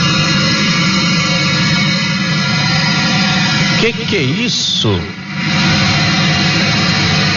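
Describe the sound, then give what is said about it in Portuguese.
Loud, steady roar of engine and road noise inside a moving articulated bus, heard from the middle of the bus near the accordion joint while driving on a straight stretch, a dense low rumble with hissing highs throughout, briefly joined by a man's voice speaking over it midway. “Gente, esse barulho é dentro do ônibus.”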